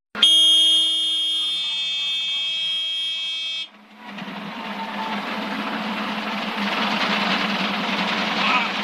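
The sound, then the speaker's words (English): A loud, steady electronic horn, the low main rotor RPM warning of a single-engine helicopter, blares for several seconds, then cuts off as a dense, rushing helicopter rotor and engine roar swells, recorded from the helicopter itself. “You will hear a horn. That is the warning for low main rotor RPM.”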